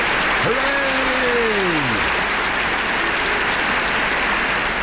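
A crowd applauds in a steady, dense wash of clapping that holds for the whole clip, with a brief whistle or cheer rising and falling early on. The applause is for everyone who came along to a club night.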